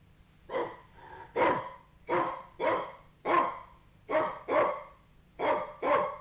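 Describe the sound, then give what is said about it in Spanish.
A small white dog barks nine times in quick succession, sharp yaps arriving in an uneven rhythm, some paired closely together, clear against a quiet background with no talking. “Con terror vi que era un perrito blanco fino, pero en aquella tierra de gigantes tenía el tamaño de un elefante.”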